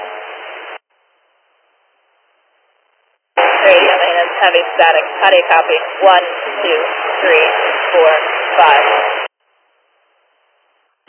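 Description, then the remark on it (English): A two-way dispatch radio transmission during a radio check crackles with heavy static: a brief burst, a pause of silence, then a longer stretch of hissy, band-limited noise with a garbled voice buried underneath. “Heavy static.”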